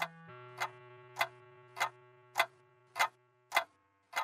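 A wall clock ticks steadily, about eight crisp ticks at an even, unhurried pace, over a soft sustained low hum that fades out near the end. No one speaks.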